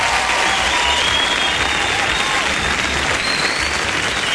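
Steady, dense applause welcoming a guest from Circo Di Luna, a continuous loud wash of clapping that holds evenly for several seconds without pause, with a faint murmur of voices underneath.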